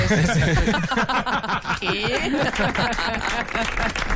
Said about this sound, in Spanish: Eso es. Vale, me aplaudo a mí mismo también.